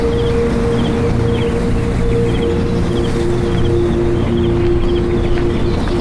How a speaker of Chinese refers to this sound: 这里的植被大部分是原生林，山上的风吹过了千百年，我相信我跟陆游一定听到的是同样的风声